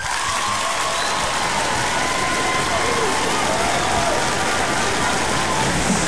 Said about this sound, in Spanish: ¿Y los aplausos?